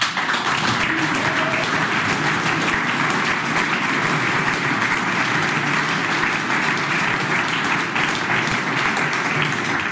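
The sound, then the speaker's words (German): An audience claps steadily for the full ten seconds, a dense, even wash of many hands with no voices breaking through. “Hat gehofft, dass jetzt geklatscht wird.”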